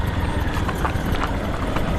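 Horse hooves clip-clop in an uneven, steady rhythm, sharp knocks rising over a constant low rumbling background noise, with no voices.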